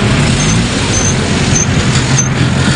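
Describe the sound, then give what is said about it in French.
Steady rumble of idling car and truck engines from a queue of cars, over 100 metres long, waiting for fuel at a petrol station in Brazzaville; a dense bed of roadway noise with a few faint, short high-pitched chirps above it. No one speaks. “Devant cette station-service de Brazzaville, la longue file des voitures qui attendent le carburant dépasse les 100 mètres.”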